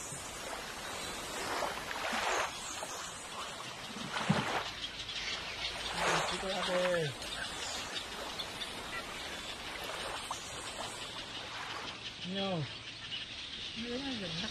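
Scattered bird calls and short chirps sound over a steady wash of outdoor ambience, likely water and insects, with a few clearer bird notes standing out near the end.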